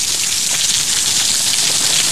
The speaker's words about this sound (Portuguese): Deixa eu ver aqui onde que começou a chover. Barulhinho de chuva aí, ó. Vamos escutar a chuva na velocidade 2, ver como é que fica.